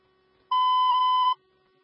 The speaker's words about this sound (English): Just make sure it doesn't have any smoke in there. I heard a smoke alarm going off.